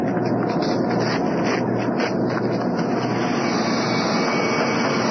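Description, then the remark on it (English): A deep, steady rumble of water from Les Bottom Pond rushing through a big pipe toward the steam engines, loud, holding a constant roar for the whole stretch with no voices over it. “That deep rumbling is water from Les Bottom Pond coming through the big pipe, heading to the steam engines.”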